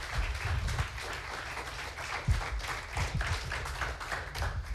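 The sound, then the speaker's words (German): Steady, dense applause from an audience as the contest participants are called back onto the stage for a second vote, a continuous wash of many hands clapping at once with no pauses, fairly loud, with no voices rising above it. “Deshalb bitte ich unsere Teilnehmer noch einmal unter Applaus hier vorne auf die Bühne.”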